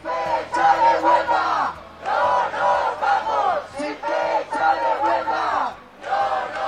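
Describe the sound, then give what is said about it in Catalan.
A large union-called housing protest crowd in the street chants in unison, shouting a slogan in repeated loud bursts with short pauses between each phrase, the voices blending into a steady rhythmic roar. “Ja ho sentiu, els sindicats convocants asseguren que el clam popular és unànim.”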